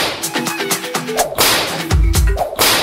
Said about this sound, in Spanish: Triple latigazo.